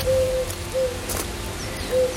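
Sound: turtle dove cooing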